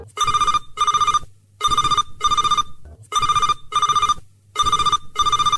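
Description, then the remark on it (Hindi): A telephone rings for the first incoming listener call to the radio song-request programme Aapke Phone Aapke Geet, in a steady pattern of four double-rings, each burst a bright trilling tone with short pauses between, loud with no talking. “और ये रही इस अंक की पहली कॉल।”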